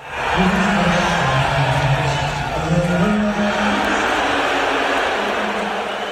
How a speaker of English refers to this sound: And when Trump showed on the Jumbotron during the national anthem, they booed louder than they did when the Spurs came on the court. Wow. Well, actually, I have a little bit of a clip of that. Let's hear it.